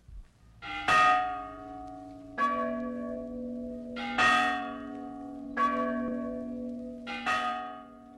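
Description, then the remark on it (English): Church bells rung by ringers inside the steeple ring out in a slow, steady sequence, five clear strikes about every 1.7 seconds, each one leaving a long resonant hum that overlaps the next. No voices. “How if one of the bells should fall?”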